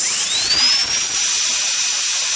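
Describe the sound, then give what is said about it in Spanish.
A dentist's drill whines, its high-pitched tone rising quickly as it spins up and then holding steady, loud, with no one talking. “Para mí, el sonido que hacen los dentistas con las máquinas y el de la corcholata al revés, es raspándola en el suelo.”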